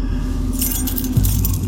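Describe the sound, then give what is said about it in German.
Keys jangle and clink together in bursts of bright metallic rattling as someone sorts through a bunch looking for the right key, over a low steady hum. “Welches mag nur der richtige Schlüssel sein?”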